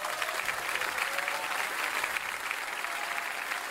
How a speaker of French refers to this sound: Oui, mais il y a l'applaudissement. Alors, ben oui, on est en live carrément.